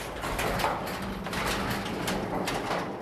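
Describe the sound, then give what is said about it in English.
A metal garage door with steel wheels is pulled up open during safety checks before an opener is installed, a steady rumbling, rattling clatter with faint metallic squeaks, sustained for the whole stretch. “can you pull that door up there?”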